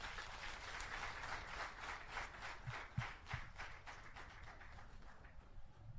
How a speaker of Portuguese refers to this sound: Parabéns a todos e uma grande salva de palmas.